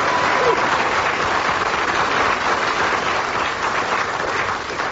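Steady audience applause fills the whole stretch, a dense crackle of many hands clapping at an even, fairly loud level with no voices standing out.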